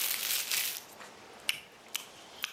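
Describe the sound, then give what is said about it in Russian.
A bag of caramels crinkles with a bright, hissy rustle for the first moment, then quiets to three sharp, separate crackles spaced about half a second apart. No one speaks. “Это пакетик карамелек.”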